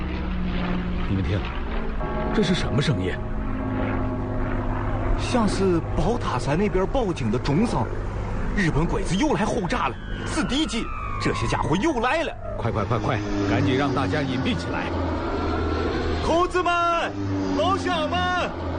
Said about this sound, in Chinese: 你们听，这是什么声音？像是宝塔山那边报警的钟声。日本鬼子又来轰炸了，是敌机，这些家伙又来了！